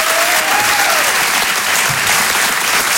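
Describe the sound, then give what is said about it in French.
A dense, steady wash of audience applause for Antonia de Rendinger at the Rire et Chanson Comedy Club fills the whole stretch, loud and continuous, with a faint whistle-like tone briefly gliding through early on and no clear speech. “Merci de garder cette énergie, de faire un tonnerre d'applaudissements pour Antonia de Rendinger.”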